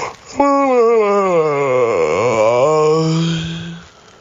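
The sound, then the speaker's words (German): A single long human yawn, loud, with a voiced tone that rises, sags low in the middle, then trails off into a breathy exhale over about four seconds. “Einmal männlich, einmal weiblich. Gähnen war das nämlich.”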